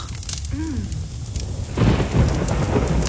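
Heavy rain pours steadily during winter in Victoria, with a deep rumble of thunder rolling underneath, swelling louder partway through into a dense downpour. No one speaks.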